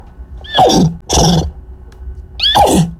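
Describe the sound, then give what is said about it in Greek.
A woman's voice imitates a horse during an interview, giving three loud whinnying bursts with falling, breathy squeals, separated by brief pauses and no ordinary speech. “έδινε συνέντευξη στο BBC και παρίστανε το άλογο κανονικότατα”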